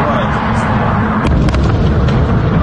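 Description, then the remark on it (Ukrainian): A loud, continuous low rumble like a blast, with several sharp cracks and pops breaking through midway, as explosions go off minutes after incoming strikes, around 3 to 4 in the morning. “За лічені хвилини після прильотів, каже Андрій, почалися вибухи.”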